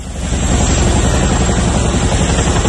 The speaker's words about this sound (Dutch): Ja, het geluid van de helikopters die meededen aan een militaire oefening. Het ging om een antiterreuroefening van de Koninklijke Luchtmacht, waarbij onder meer een gijzeling werd nagebootst.